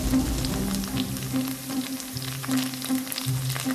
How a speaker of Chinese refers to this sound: 当猪肉烤至断生变色，迅速转为大火，高温下油脂被烤出，猪肉内部的水分蒸发，变得焦香而有嚼劲。